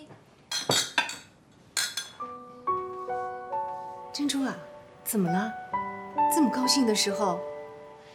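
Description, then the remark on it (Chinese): Several sharp, bright clinks of glasses ring out in quick succession near the start as a family drinks a toast, then voices speak while a steady tonal background plays underneath. “哥俩，你还没跟爸妈说，为什么我们干杯呢？”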